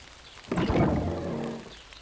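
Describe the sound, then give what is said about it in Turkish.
Heavy rain pours down in a dense, rushing hiss that swells in suddenly, holds for about a second, then eases off. No one speaks. “Ne kadar da çok yağmur yağdı.”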